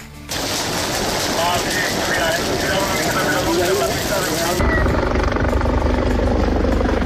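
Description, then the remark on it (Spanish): Firefighting helicopters roar while dense, crackling bursts of a burning wildfire in La Vall d'Uixó, in its third day, pop underneath; partway through the crackle drops away, leaving a heavy, low rotor rumble. “Es el sonido del fuego y de los helicópteros que siguen combatiendo las llamas en el incendio de la Vall d'Uixó, que cumple ya su tercer día activo”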